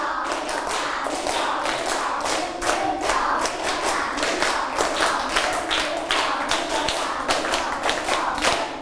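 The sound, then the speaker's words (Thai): A group of children claps hands rhythmically in three repeated sets, with loud, sharp claps that are not quite in unison, forming a steady, continuous patter for several seconds with no talking. “ปรบมือ3ชุดไม่ผ่านเพราะว่าไม่มีเสียงพูดออกมาด้วยมันก็จะไม่พร้อมกันคราวนี้ปรบมือ3ชุด1 2 3”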